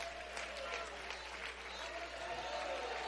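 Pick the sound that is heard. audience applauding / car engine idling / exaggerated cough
audience applauding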